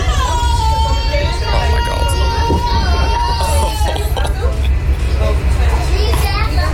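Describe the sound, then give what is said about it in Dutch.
A loud, steady din of children shouting and chattering together, high-pitched voices overlapping continuously with a few shrill calls rising above a low rumbling background hum. “ik ben gewoon echt, echt nog niet toe aan kinderen.”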